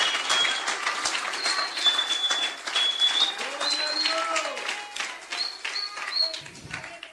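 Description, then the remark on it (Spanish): A crowd applauds for God during an evening sermon in a sustained, dense burst of clapping that stays loud and steady, with a few voices and whistles rising over it before it thins out at the end. “Si le va ese aplauso, véselo con ganas esta noche.”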